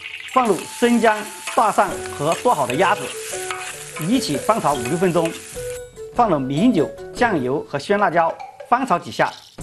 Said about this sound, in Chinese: 制作莲花血鸭不麻烦，倒入茶油后，放入生姜、大蒜和剁好的鸭子，一起翻炒5-6分钟，放入米酒、酱油和鲜辣椒，翻炒几下